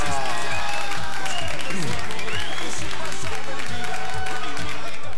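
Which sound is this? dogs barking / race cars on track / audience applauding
audience applauding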